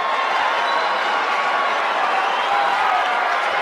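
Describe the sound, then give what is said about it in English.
A baseball stadium crowd of more than 39,000 cheers a home run hit into the bleachers in a continuous, dense roar that holds steady and loud for the whole stretch, with no distinct voices standing out. “And this crowd of 39,000 plus loved that moment.”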